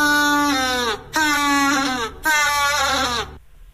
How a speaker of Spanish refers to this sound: Marcamos la B, un pingüino. ¡Es correcto!